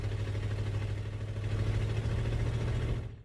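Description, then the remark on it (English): A heavy truck engine rumbles steadily with a deep, droning hum as the truck drives away, holding loud before cutting off abruptly at the very end. “Dolly desperately chased after the truck, but the distance simply grew farther and farther.”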